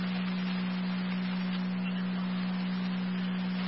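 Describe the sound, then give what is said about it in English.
A fire dispatch paging alert tone, the second set of tones from fire control to Ransomville for an EMS call at Heritage Manor, holds one steady low pitch for several seconds over a bed of radio hiss, with no speech. “Fire control to Ransomville, your second set of tones, EMS at Heritage Manor, 3509 Ransomville Road.”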